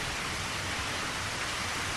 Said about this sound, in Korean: 밤에 짖기 좋아하는 개들도 끝없이 좌르륵 좌르륵 쏟아지는 빗소리에 지쳐버린 듯 다시는 이런저런 소리들에 귀를 기울이지 않는다.